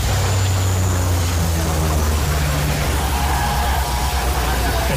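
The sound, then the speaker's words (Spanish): A dense, steady roar from a wildfire several years ago, with firefighters' hoses spraying water onto the scene over a low droning engine hum that holds several pitches, loud and unbroken throughout. “Sí, esa es una secuencia de un incendio de hace unos años. Y estamos con los bomberos, con las focas que nos echan el agua encima.”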